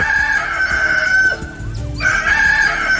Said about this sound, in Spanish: Levántese que ya cantó el gallo.